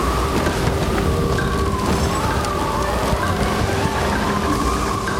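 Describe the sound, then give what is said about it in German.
Wind from a wind machine cranked by soldiers rises into a steady, dense roar that holds loud for several seconds, with faint whistling tones threading through the rushing noise. No one speaks. “Die Soldaten drehen an der Kurbel und der Wind frischt wieder auf.”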